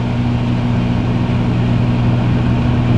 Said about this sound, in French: Ok, voilà, là, là vraiment vous écoutez la radio, si vous avez passé une journée de merde, là vous vous écoutez un micro-ondes qui tourne.